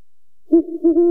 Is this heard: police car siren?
no